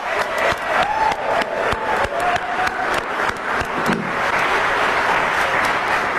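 An audience at the Theodore Roosevelt Presidential Library bursts into sustained applause, dense clapping with a few sharp individual claps and faint cheering, holding steady and loud for the full six seconds.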